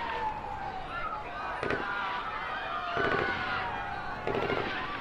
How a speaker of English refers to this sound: some sort of military force seems to have arrived, and we are hearing sounds of what seem to be gunfire inside the hospital.